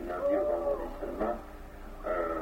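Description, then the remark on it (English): An owl calls at night, as the moon sets near morning, in three drawn-out, wavering tonal cries, each sliding slightly in pitch, with short pauses between them and a faint low hum underneath. “It's that owl. Same as before.”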